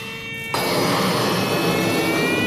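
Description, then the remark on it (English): Steady, breathy rush of air begins abruptly after a brief moment of quiet and continues loudly, with a faint high whistle-like tone that slowly rises in pitch as air is blown into a balloon. “With my eyes closed, I begin to blow into a balloon.”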